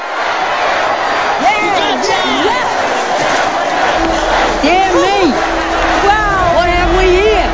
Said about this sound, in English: The enormous gathering of child workers floods the street as they hold signs